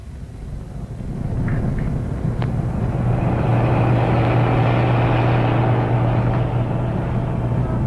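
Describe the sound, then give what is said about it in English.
A truck drives off with a car following close behind it, their engines starting up after a moment and holding a steady, fairly loud droning hum with no voices. “here they go, Cuts, on their way to get rid of the truck and its driver. Their car following so close behind”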